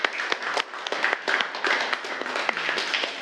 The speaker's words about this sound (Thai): กลุ่ม4นะคะปรบมือให้กลุ่ม4หน่อย